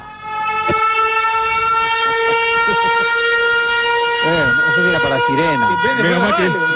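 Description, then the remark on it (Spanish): A loud, steady horn-like alarm tone drones throughout, and in the final seconds a voice joins in with rising and falling wails that imitate a siren. “No sé si era para sirena. Usted más o menos. ¡Alarma!”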